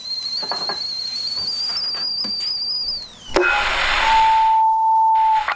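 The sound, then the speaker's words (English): A kettle put on for a cup of tea whistles with a shrill, steady high tone for about three seconds, then wavers and cuts off into a loud hissing rush, followed by a lower, steady electronic-sounding tone. “The kettle's on.”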